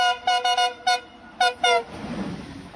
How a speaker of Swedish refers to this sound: Hannes visar för lokföraren att han vill att de ska tuta.